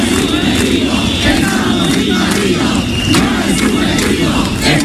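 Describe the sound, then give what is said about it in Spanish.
A dense crowd of Ceuta residents protesting and demanding solutions shouts continuously, many voices merging into a loud, sustained roar with occasional sharper cries rising above it, including the shout 'No es subjetivo'. “La situación de los ceutíes, como ves, es insostenible y por ello siguen manifestándose pidiendo soluciones.”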